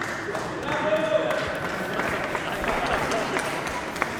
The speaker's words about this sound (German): Okay, erst kurz ein Applaus